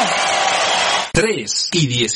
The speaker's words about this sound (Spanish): ¡Dale un aplauso fuerte!